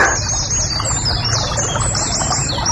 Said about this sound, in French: Ah, la rivière sous le pont, ça peut le faire, ça. Ah, ça peut être joli comme bruitage. La rivière sous le pont.